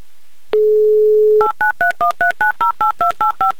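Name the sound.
telephone number being dialed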